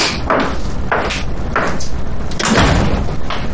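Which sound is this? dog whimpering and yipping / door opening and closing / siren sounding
door opening and closing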